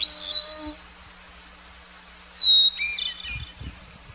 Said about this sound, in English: Both have beautiful, flute-like voices. The hermit thrush song starts with a clear, single note, followed by a chiming warble. This is repeated on different pitches.